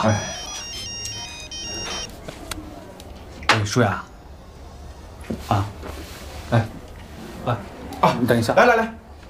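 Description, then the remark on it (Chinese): A phone ringtone plays a bright electronic melody for a second or so at the start, clear, as a father takes the phone call, then people talk with bursts of voices over background noise. “来来，爸爸接个电话。”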